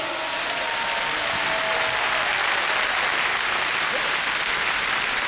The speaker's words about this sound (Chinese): 出席开幕式的还有自治区有关部门和各盟市代表团负责同志等，让我们用热烈的掌声欢迎各位嘉宾的到来。